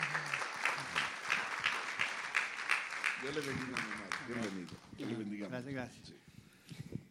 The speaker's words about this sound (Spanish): Dele un aplauso, por favor, a nuestro hermano